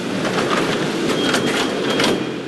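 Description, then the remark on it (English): Steady, loud rumble and hiss of a Mexico City subway train at a station platform, a continuous wash of mechanical noise with faint squeaks and clatters, no voices. “In Mexico City, the subway reserves some cars for women and young children only.”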